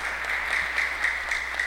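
Steady audience applause, a dense wash of many hands clapping at an even level throughout, with no voices standing out above it.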